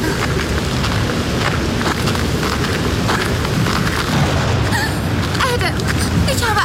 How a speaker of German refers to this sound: Das Gewitter ist fast schon über uns.